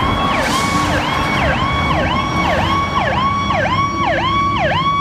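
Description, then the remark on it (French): A loud US ambulance siren wails in a fast, repeating yelp pattern, roughly two cycles per second, as the ambulance passes by, its pitch dropping from high to lower with the Doppler effect, over a steady rumble of traffic noise, with no one speaking. “Donc la prochaine fois qu'une ambulance vous dépasse, type comme ça, hein, alors là on est aux États-Unis, mais comme ça.”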